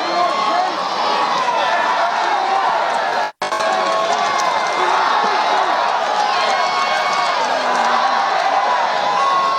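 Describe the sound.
A large ballpark crowd in Auburn, Alabama cheers in a steady, loud roar of many overlapping voices and whoops. It drops out for a split second partway through, then resumes at full strength.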